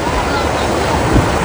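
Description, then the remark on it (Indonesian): A fast-flowing river of brownish water rushes steadily and loudly on a morning in the interior of Pantai Cermen district, Aceh Barat regency, Indonesia, splitting two villages. It is a dense continuous roar of water with no pauses and a faint gusty edge like wind on the microphone. “Derasnya arus sungai pagi itu membelah dua kampung di pedalaman Kecamatan Pantai Cermen, Kabupaten Aceh Barat, Jumat 5 Juni 2026.”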